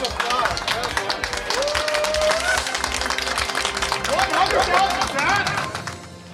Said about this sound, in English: Hey, round of applause. Well done.